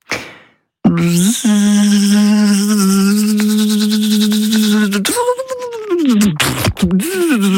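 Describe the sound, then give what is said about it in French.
A person imitates a buzzing mosquito with a steady, nasal, droning hum that holds one pitch for several seconds, then wavers and wobbles up and down before breaking off. “Oh non, je ne sais absolument pas faire le moustique.”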